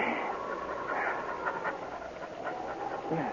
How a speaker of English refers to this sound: It was a panting but triumphant dog who lay 5 minutes later at his master's feet